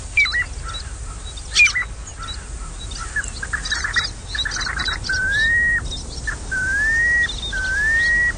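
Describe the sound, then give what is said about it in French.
A piping plover, a small shorebird, gives clear, whistled piping calls, with short chirps early on, then three drawn-out rising whistles spaced evenly near the end, heard alone against faint background noise. “Est-ce que vous le reconnaissez, ce petit oiseau de rivage? Il s'agit du pluvier siffleur.”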